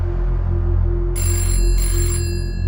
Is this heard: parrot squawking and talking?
no